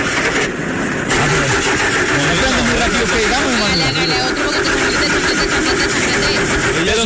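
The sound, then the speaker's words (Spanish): A pickup truck engine cranks over and over, loud, sputtering and wheezing without catching, the starter grinding on continuously for several seconds. “Es una camioneta de payaso. Viene con la risa incorporada.”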